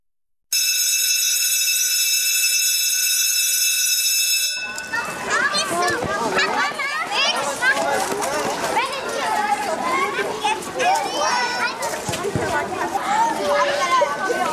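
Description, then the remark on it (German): A school bell rings steadily for about four seconds, then a loud crowd of schoolchildren fills the air, chattering, shouting and playing together at recess. “Pause in der Schule, Zeit zum Spielen, Quatschen, Zeit auch zum Mittagessen.”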